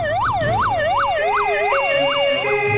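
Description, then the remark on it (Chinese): Police car and ambulance sirens wail loudly as the vehicles arrive at a scene after emergency calls in China, their pitch sweeping up and down in quick, steady cycles over a low engine rumble, with no voices. “惊魂未定的张先生立即拨打了110和120，警车和救护车呼啸而至。”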